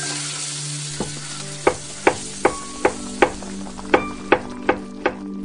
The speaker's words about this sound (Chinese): 早上6点，一位厨师开始制作美味早餐。